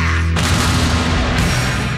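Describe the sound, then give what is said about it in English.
A deep cannon blast bursts in after a brief low hum, then rolls on as a loud, sustained rumbling roar with no voices. The cannons are part of a rock concert's stadium spectacle at Ohio Stadium. “The riffs, the cannons, the whole high voltage spectacle right here in the heart of Ohio.”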